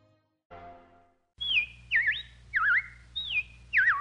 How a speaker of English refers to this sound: Well, the robins are back. That's a sure sign of spring.